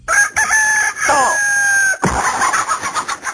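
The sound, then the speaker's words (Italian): A rooster crows once, loud and close, its long drawn-out call cut off abruptly by a sudden harsh, noisy burst that trails into rough clatter. “La devi smettere di rompermi le scatole tutte le mattine all'alba. Ti avevo avvisato, Gallo avvisato, mezzo accoppato.”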